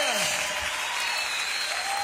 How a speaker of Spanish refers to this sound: Oh, dale fuerte ese aplauso al que es digno de honra, de gloria, de adoración, de alabanza.